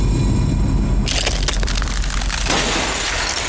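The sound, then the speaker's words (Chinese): Bubble wrap crackles and crinkles as it is handled during packing, a dense run of irregular sharp snaps starting after a brief low rumble and continuing to the end, with no one speaking. “正常气泡膜的话也不能超过3层，也是为了环保的理念嘛。”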